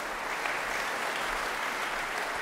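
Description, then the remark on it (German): Sustained, enthusiastic applause from the audience in the Angelika-Kaufmann-Saal for Christoph Brigardien and Julius Drake after their performance of Franz Schubert's Winterreise, a dense steady wash of many hands clapping at an even loudness with no voices standing out. “Ähnlich dürfte das Publikum im Angelika-Kaufmann-Saal den Vortrag von Christoph Brigardien und Julius Drake aufgenommen haben, denn es hat den Künstlern mit lang anhaltendem und begeistertem Applaus gedankt.”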